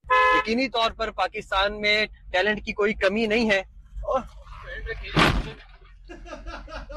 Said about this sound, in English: So what do you think that was? What did he crash into? Of all the last thing you want to crash into. Cop car. Yeah, he crashed into a cop car.